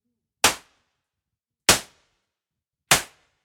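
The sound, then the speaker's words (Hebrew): Three sharp, heavy chops of an axe as Bebis chops branches for building a wooden house, biting into wood, evenly spaced about a second apart, each a loud crack that dies away quickly, with silence in between and no voices. “בביס הניף את הגרזן והתחיל לקצוץ. שוב ושוב.”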